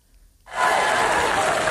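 After a brief moment of quiet, an audience breaks into loud, dense applause, an ovation for Apple's new CEO John Ternus opening the company's autumn presentation. It swells within a fraction of a second and continues steadily to the end, with no one speaking.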